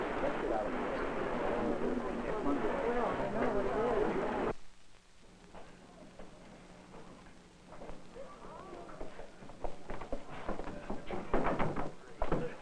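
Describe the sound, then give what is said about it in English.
A series of knocks on an outside door, sharp raps clustered toward the end, after a stretch of loud, dense rumbling noise gives way to a quieter room with faint muffled voices. “Sir, someone knocking at the outside door.”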